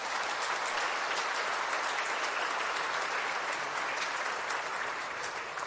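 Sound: audience applauding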